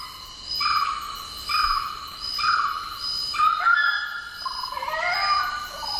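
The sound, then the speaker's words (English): A suburban mound-building bird calls with a series of evenly spaced, buzzy harmonic notes, then a few sliding, falling notes, over a steady insect-like background hiss. “Also sounds kind of annoying when you're trying to sleep and when it lands on your roof and scratches and makes lots of noise and digs up your garden and builds giant mounds and makes a mess of everything.”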